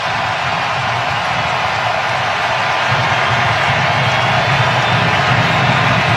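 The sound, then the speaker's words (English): A big stadium crowd at a World Cup match comes to life during a U.S. free kick against goalkeeper Thibaut Courtois, roaring in a dense, continuous wash of noise that stays loud throughout and swells a little about halfway through, with no single voice standing out. “Listen to the crowd come to life here.”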